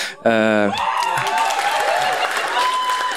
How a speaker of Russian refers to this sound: Это не то собрание, если что, ребята, вы не там аплодируете, да.